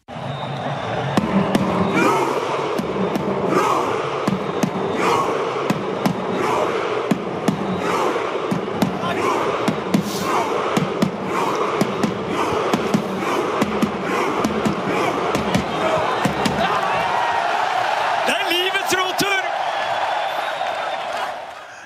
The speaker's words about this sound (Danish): Her hørte vi mange tusind nordmænd i Amerika og Martin Ødegaard på tromme efter sejren over Senegal nu her ved sommerens VM.